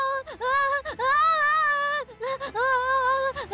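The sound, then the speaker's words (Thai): A fire alarm blares in long, loud electronic wails, broken by brief gaps and slight pitch wavers, with no talking over it, sounding in a school building. “เตือนแล้วว่าอีก7 นาทีสัญญาณเตือนภัยไฟไหม้จะดังขึ้นแล้ว งั้นเราแยกย้ายกันขึ้นห้องเรียนนะแล้วถ้าเสียงเตือนไฟไหม้ดังทุกคนก็ทำตามที่เราซักซ้อมกันไว”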